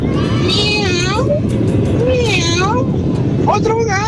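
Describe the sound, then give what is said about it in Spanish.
Three drawn-out cat meows, each rising and falling in pitch, come at a steady pace over a constant low rumble of background noise like street traffic. “¡Miau! ¡Otro gato!”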